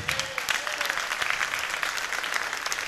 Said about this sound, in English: That's all the married people clapping, by the way.